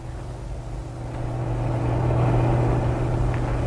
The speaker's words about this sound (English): This one, maybe. This one's going slow uphill. Big truck with only one driver. Yeah, only one driver. Others is having two. Here she comes. Going no more than walking.